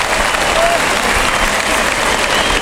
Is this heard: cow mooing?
no